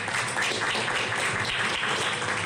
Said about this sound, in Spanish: Un fuerte aplauso una vez más